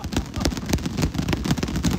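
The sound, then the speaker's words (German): Boxing gloves clapped together again and again by winners celebrating a 2,500-euro prize, a quick, uneven run of dull, padded thumps with sharp edges, fairly loud throughout the whole stretch. “Klatscht mal mit den Boxhandschuhen, damit ihr...”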